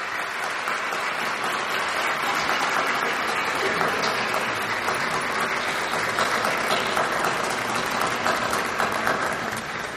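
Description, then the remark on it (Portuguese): A large audience claps steadily and continuously for the full stretch, a dense, even wash of applause without pauses, fairly loud, with no one speaking over it, applauding in gratitude to Dom Beni for his pastoral care of Canção Nova. “E muito obrigado, e portanto ao Senhor uma salva de palmas nessa gratidão.”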